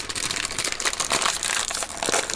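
Someone cracks open food and munches on it: a steady run of dense, crackly crunching and crinkling bursts, fairly loud and continuous, with no talking.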